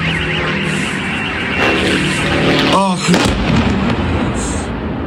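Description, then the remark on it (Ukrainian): A loud, steady engine drone of Ukrainian attack drones flying toward an oil refinery in Perm hums overhead through dense rumbling noise, with a sharp warbling burst midway and muffled voices faintly underneath. “Крім того, українські дрони атакували нафтопереробний завод у Пермі.”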